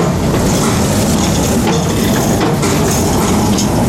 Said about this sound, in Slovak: Tí, ktorí bývajú poblíž, dostrpia tým hlukom. V týchto horúčavách všetci vetráme práve v noci, sú otvorené okná a počuť to. Počuť predovšetkým tie nárazy, tých kolies o tie železá, ktoré sú súčasťou toho dočasného mosta.